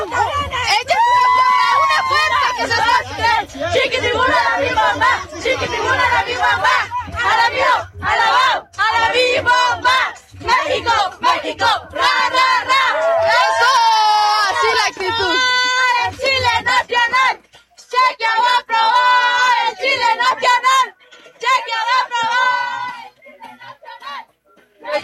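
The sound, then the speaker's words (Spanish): A loud crowd of Mexican football fans at the Fan Fest in the Zócalo cheers and shouts continuously in the rain, celebrating the Mexican national team, with overlapping yelling voices and chant-like calls rising and falling, briefly dropping out near the end before resuming. “Así es lo que se vive en el Fan Fest del Zócalo.”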